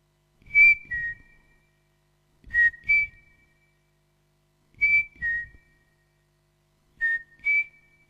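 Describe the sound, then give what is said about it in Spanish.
A striped cuckoo (crespín) gives its plaintive two-note whistle, repeated four times at steady intervals of about two seconds, clear against a quiet background with no voices. “Nunca había sentido el escalofrío del silbido triste y crepuscular del crespín al cruzar el monte volviendo del colegio.”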